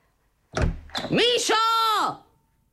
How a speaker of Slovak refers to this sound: Netrieskaj! Tými dvermi.